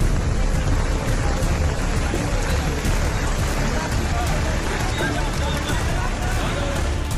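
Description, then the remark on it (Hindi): Heavy monsoon rain pours in a steady, dense hiss that stays loud and unbroken throughout, with a murmur of indistinct voices mixed underneath, during a rescue operation in waterlogged Sudham Nagar, Nalasopara, Maharashtra, India. “अब नालासोपारा में भारी बारिश के बीच रेस्क्यू ऑपरेशन की तस्वीरें देखिए।”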